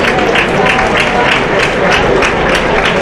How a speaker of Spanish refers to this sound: Bueno, aplauso del público. Una pena, ¿eh?